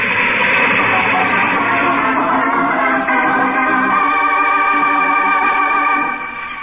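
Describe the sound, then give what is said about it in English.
A loud, continuous rumble of an approaching train with a headlight on rusted, loose tracks, with sustained horn-like tones growing stronger midway through before the sound cuts off near the end. “A train. There's a train coming. It's coming toward me.”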